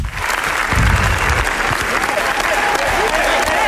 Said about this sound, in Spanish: Ayer fue el turno de los Javis, que presentaron La Bola Negra, por la cual recibieron 20 minutos de aplausos.